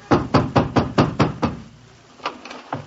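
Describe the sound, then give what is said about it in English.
Loud, rapid pounding on a landlady's wooden door on a snowy night: a burst of about seven heavy knocks in quick succession, a brief pause, then a few weaker raps, with no voices. “I hammered on my landlady's door and...”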